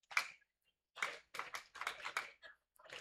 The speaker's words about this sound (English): The fans look to reclaim some energy. Tremors leading them in a clap along.